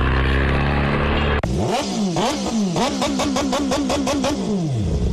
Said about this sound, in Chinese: 把这车载扣了啊！炸街，它是改的排气管，从哪？你从哪改装的？